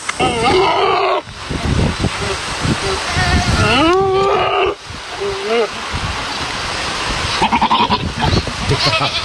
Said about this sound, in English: It's a goat. It's a goat.